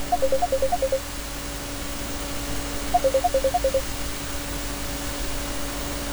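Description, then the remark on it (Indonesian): Two quick bursts of telephone dialing tones, each a rapid run of short beeps, over a steady hiss of line noise with a faint hum, as an incoming phone call is taken and connects. “Kita terima telepon dari”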